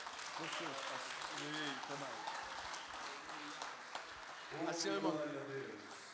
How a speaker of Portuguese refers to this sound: Se coloca em pé, vamos receber o servo de Deus com um aplauso bem forte para o Senhor, bem alegre.